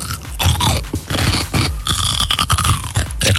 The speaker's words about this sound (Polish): No jak to, co jecie? Ogórek kiszony albo małosolny. Dokładnie. Brawo.